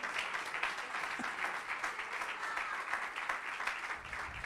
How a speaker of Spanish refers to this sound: Dele palmas de alabanza al Señor, hermano.